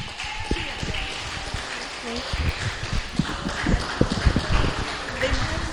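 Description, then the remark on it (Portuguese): A church audience claps together in praise to God, dense and steady hand claps forming a lively, rhythmic wash of sound, with murmuring voices underneath throughout. “Louve a Deus com as palmas.”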